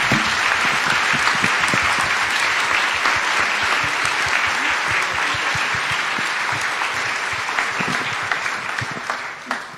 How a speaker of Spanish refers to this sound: Aclamemos con un fuerte aplauso la palabra de Dios.